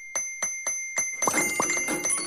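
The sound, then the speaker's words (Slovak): A bright notification ding, the sound of an extra lottery payout arriving in a bank account in a radio advert on Rádio Viva, rings out in four evenly spaced strikes, then gives way to a busier, jangling flurry of chimes, fairly loud with no voices. “Je to cinknutie extra výplaty na účet.”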